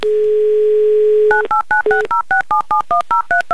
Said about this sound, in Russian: Ну а пока номер телефона набирается